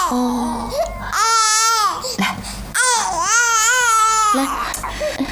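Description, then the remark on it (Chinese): A small, sick infant princess who will not take her medicine cries weakly in two long, wavering wails with a brief gasp between them, thin and strained in tone, with faint background murmur at the start. “公主不喝药，这病怎么会好起来？你看，连哭声都这么低。”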